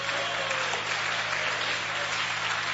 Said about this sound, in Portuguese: Ô, glória, pode bater mais forte as palmas para Jesus.